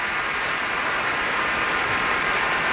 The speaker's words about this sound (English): And the crowd roars. He shoots, he scores. For Misha Maisky, cellist with the Berlin Philharmonic, led by Zubin Mehta on WQXR.